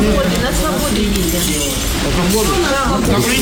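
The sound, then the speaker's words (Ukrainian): Workers sweep up broken glass at a medical diagnostic centre damaged by a Russian missile attack, with shards clinking and scraping in a steady, busy clatter, while voices murmur in the background throughout. “Працівники продовжують прибирати скло, а лікарі надають консультації дистанційно.”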